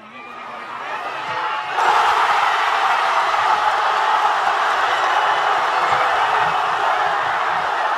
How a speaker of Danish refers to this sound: Og som vi hørte, der var altså god stemning i Madrid. Jeg vil ikke snyde jer for lige at høre, hvordan det lød, da angriber Ferran Torres i forlænget spilletid bankede Spanien foran.